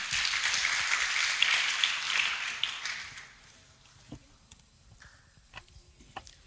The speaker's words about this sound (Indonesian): Sekali lagi, mari beri tepuk tangan yang meriah untuk seluruh peserta pada pagi hari ini.